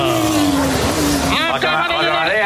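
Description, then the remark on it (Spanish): A bus pulls up loudly, its engine droning steadily and then rising into shifting, whining tones partway through the arrival. “Ahí está, ojo que llega el autobús, va a llegar, 3, 2, 1, ¡topa!”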